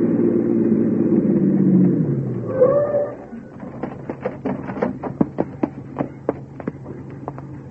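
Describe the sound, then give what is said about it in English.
A car engine rumbles and winds down as the vehicle pulls up behind a police squad car and stops with a brief squeal, followed by a run of sharp, irregular clicks and taps. “Park behind that squad car pulling up.”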